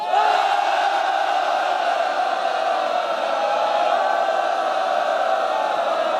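A large audience at the Army Arms University in China applauds steadily to welcome a guest alumnus, an army battalion commander: a dense wash of clapping that holds at an even, loud level for several seconds with a faint crowd murmur mixed in. No one speaks over it.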